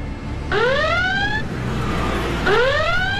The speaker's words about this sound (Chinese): 南京城内，此时警报长鸣，警车不断的穿梭。